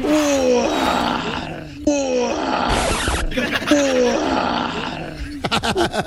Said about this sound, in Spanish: Tigre. Esa. Tigre. Ra, ra, ra.